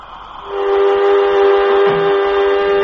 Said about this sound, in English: Airlock, contact. As she begins to fill up, we should hear it. I think I can, Jet. Yes, and the gauge is rising, too.